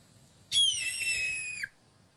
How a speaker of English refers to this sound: This is a red-tailed hawk.